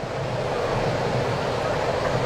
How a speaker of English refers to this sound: Rain picks back up here in Atlanta.